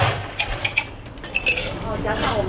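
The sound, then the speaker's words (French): Ice cubes are added by a tea master to a glass of bubble milk tea made with black tea, tapioca pearls and milk powder, in a quick series of bright clinks and knocks, over a steady background hum with faint voices. “Il va ajouter des glaçons.”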